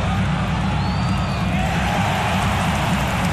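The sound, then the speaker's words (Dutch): A dense, steady roar of heavy rain pours down continuously and loudly during a football match, with a faint murmur of a stadium crowd underneath. “Het is weer flink aan het regenen.”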